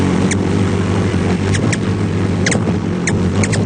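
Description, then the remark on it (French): Short, high squeaky chirps from ruby-throated hummingbirds feeding in a group come in irregular bursts, some paired, over a steady low mechanical hum; no one speaks. “Le colibri à gorge rubis, c'est pipiment lorsqu'il se nourrit en groupe.”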